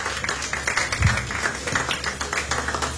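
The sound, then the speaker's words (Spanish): An audience claps their hands as an offering of applause to God, a dense, steady patter of many overlapping claps that stays fairly loud and even throughout, with no clear voices above it. “Dale una ofrenda de palmas a nuestro Dios.”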